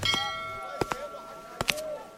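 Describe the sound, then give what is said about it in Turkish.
Church bells toll a slow, mournful knell on a Wednesday morning, in mourning for a patriarch who died the night before: a few clanging strikes, some close together in pairs, each leaving a long, sustained metallic hum that rings on between blows. “Çanlar pazar günleri ayin için çalar. Bunlar matem çanları.”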